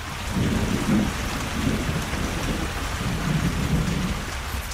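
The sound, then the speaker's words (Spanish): Heavy rain pours steadily throughout while deep thunder rumbles roll in low and heavy, swelling and fading in waves across the stormy downpour, with no voices present. “Los indios, asustados por la tempestad desatada, huyeron a los montes, pero la india madre no huyó.”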